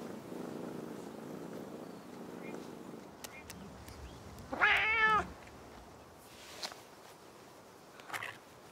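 A cat purrs steadily and low for a few seconds, then lets out one loud, wavering meow. Quiet rustling follows.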